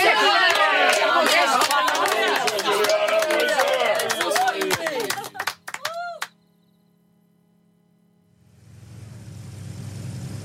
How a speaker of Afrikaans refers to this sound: Geluk. Wat 'n goeie toespraak en 'n staande applous.